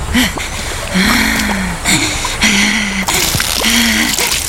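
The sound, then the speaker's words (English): Water from the Nile pours and splashes steadily from a pitcher for several seconds, a continuous liquid rush, with low murmuring voice-like sounds beneath it. “This pitcher contains pure water from the Nile.”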